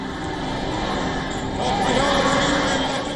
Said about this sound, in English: But grief is sharing space with defiance. At the funeral, familiar chants of death to America echoes through sections of the crowd.